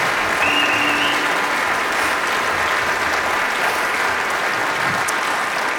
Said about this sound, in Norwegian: Dere kan gi meg en liten applaus på den lille tiden.